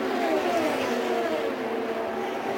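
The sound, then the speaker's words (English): Castroneves's IndyCar race car, running in fourth place, roars past as it crosses the line, its loud, steady whine sliding gradually lower in pitch over a few seconds against a constant wash of track noise. “The fourth-place car is Castroneves. He just comes across the line.”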